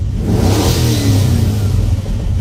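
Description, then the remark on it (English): A car engine revs hard and accelerates, a loud, steady low growl with rising harmonics that holds for a couple of seconds, with no one talking. “I mean, it sounds like a car.”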